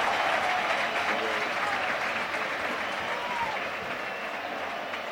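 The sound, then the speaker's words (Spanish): A large stadium crowd at a football match gives an ovation to substitute Solde as he comes on wearing number 10, replacing Víctor Narro. The clapping and cheering form a steady, dense wash that holds loud and unbroken throughout, easing off only slightly toward the end. “Ahí está, ovación para Solde.”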